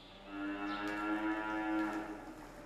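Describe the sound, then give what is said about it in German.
A cow moos in a barn in a long, loud, sustained low bellow that swells and fades, with an echo and no talking. “Das ist schon, aber die Kühe brauchen halt den Rhythmus und man muss sie ungefähr in 12 Stunden Abständen melken und deswegen ist es aber sinnvoll, dann morgens anzufangen.”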